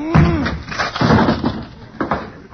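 A wooden closet door splintering apart as a man breaks through it with his head, in a series of loud cracking crashes, with several sharp bursts of breaking wood over a couple of seconds.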